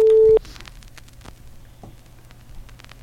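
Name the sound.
telephone ringback tones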